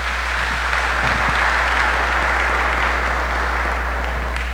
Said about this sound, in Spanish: Les damos un aplauso en este día especial.